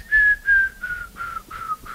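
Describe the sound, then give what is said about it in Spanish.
A person whistles an imitation of a jungle bird call that sounds like a falling bomb: six short, clear notes in a steady rhythm, each sliding lower, the whole series gradually dropping in pitch. “que es como una bomba que cae, ¿no? Era como una cosa loquísima, y es un pájaro, ¿no?”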